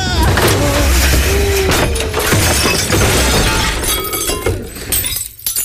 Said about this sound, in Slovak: Ale sme tomu dali. Celé veko rozbité.